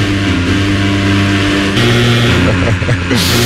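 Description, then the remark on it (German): A leaf blower's small engine drones loudly with a steady buzzing hum, then shifts to a higher rev midway and wavers up and down in pitch near the end. “Achtung, ich lande mit dem Laubbläser ab, mein Herbsthitze.”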